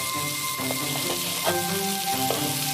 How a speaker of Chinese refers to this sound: 接下来熬制卤汁，放入葱姜，煸炒出香。